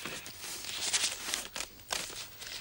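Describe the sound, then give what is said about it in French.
Paper rustling and shuffling, a steady crinkly hiss broken by several sharper swishes as mixed-up sheets are moved about, with no one speaking. “Mes papiers sont un peu mélangés.”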